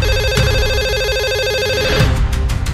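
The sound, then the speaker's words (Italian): A telephone rings steadily with a warbling electronic tone, loud, filling the whole moment without any voices; a few sharp clicks and thumps break in near the end. “Abbiamo un'altra telefonata, pronto?”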